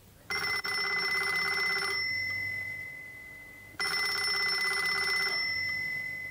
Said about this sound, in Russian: Этот телефонный звонок, как и положено в детективе, послужил завязкой для нашей истории